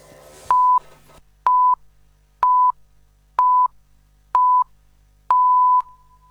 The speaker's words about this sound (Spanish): Sonó el top y en Radio 750, estas son las noticias.